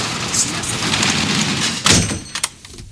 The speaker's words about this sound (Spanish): sale corriendo de su negocio y baja la cortina de metal.